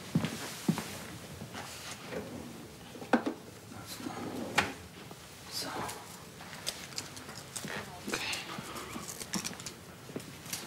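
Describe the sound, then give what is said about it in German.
A drawer slides open, followed by irregular clicks, knocks and light rattling as objects inside are shuffled through while someone searches the third drawer for a plaster (bandage). Some sharp clatters stand out over a steady rustle, with faint voices underneath. “Ich suche nur ein Pflaster. Dritte Schublade.”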